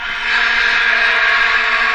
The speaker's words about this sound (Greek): Φόρμουλα 1. Μόντσα.